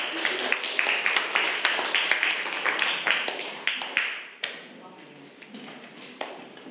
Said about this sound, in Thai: ก็คือเป็นตัวแทนของกลุ่มที่3นั่นเองค่ะขอเสียงปรบมือให้กับตัวแทนนำเสนอด้วยค่ะ